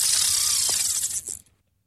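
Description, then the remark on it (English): A fishing line cast from a reel into the water: a bright, high-pitched whirring buzz as the spool spins out for about a second and a half, then cuts off abruptly. No voices. “Well, that sounds like someone casting a line into the water.”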